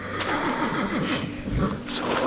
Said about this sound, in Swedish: Jag var på väg till dig, men din häst lät orolig, så jag skulle se var du var med honom.